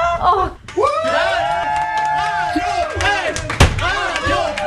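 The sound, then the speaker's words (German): Colleagues holding confetti cannons cheer and whoop loudly, celebrating a Radiopreis nomination, many excited voices overlapping in high-pitched shouts, with scattered sharp claps and a sudden bang partway through. “Da standen die Kollegen mit Konfettikanonen und haben geklatscht und gejubelt.”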